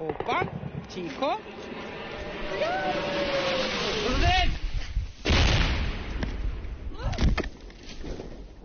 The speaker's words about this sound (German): schießt die Flugabwehr russische Drohnen ab. Die Geräusche scheinen weit genug weg zu sein.